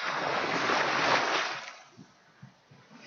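A wave washes loudly onto a beach, a broad hissing surge that fades over a second or two, leaving quieter low rumbles and soft splashes of the retreating water.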